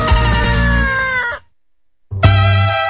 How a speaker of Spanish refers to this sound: Los buenos gallos a esta hora aletean y cantan.